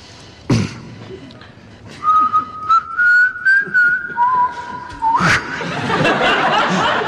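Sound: person whistling a melody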